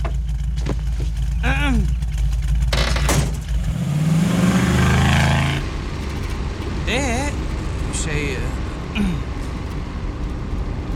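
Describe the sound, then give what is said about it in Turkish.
A car engine idles with a steady low rumble, then revs up briefly in a rising whine before settling back, while voices speak intermittently over it as someone is given a ride home in the car. “Yani bırakabilir miyim demek istedim. Arabamla evine. Atla hadi.”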